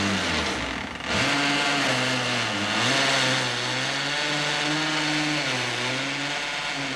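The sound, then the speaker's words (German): An electric drill whirs loudly, cutting out for a moment near the start, then running steadily with its motor whine rising and dipping as it bores holes. No voices. “Und seitdem bohre ich hier selber meine Löcher und meine Regale zusammen.”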